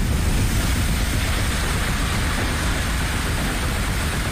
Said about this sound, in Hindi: तबाही किस तरह आई, देखिए किस तरह पानी तेज रफ्तार से आ रहा है।